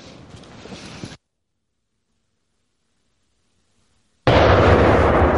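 A low rumbling noise cuts off into about three seconds of silence, then a sudden, very loud explosive blast erupts and roars on without fading as a small TNT charge detonates against a wooden log about as thick as a human arm. No one speaks.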